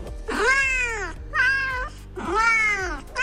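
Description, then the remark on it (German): Three drawn-out cat meows in a row, each rising then falling in pitch, clear and fairly loud with a slightly electronic, played-back quality, with no talking, played by a phone app that translates the spoken word "Hallo" into cat sounds. “Also ich sag mal so, die Hersteller dieser App sagen, das basiert wirklich alles auf Original-Katzengeräuschen, die man jahrelang aufgenommen und analysiert hat und so weiter.”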